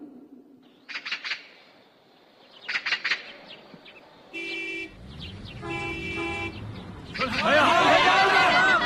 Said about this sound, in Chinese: 车呀， 是啊，这一辆辆崭新的大卡车都是迎接咱的。 这是从沙海沟村赶来我们寒水村的，今天呢，咱们曹洼乡最后两个村一起搬迁。